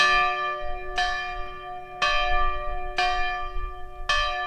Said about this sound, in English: But the school year started off as it has for the past 110 years here, with the ringing of the original schoolhouse bell.